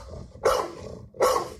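Two loud, deep dog barks about three-quarters of a second apart, with a low rumbling undertone between them and no talking, played as one of three barks in a listener quiz on the radio station Fanrádio.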